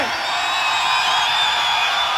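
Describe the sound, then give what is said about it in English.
A large concert crowd in Hollywood, at a show being recorded for a live album, screams and cheers continuously, a dense, loud roar of high-pitched voices and whoops filling the space without a break. “So I want to hear some screaming out there.”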